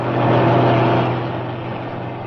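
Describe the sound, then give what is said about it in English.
A lorry's heavy engine rumbles loudly, swelling briefly then easing off slightly as it drives on past without slowing; no voices are heard. “Didn't fancy that lorry. It didn't look roadworthy to me.”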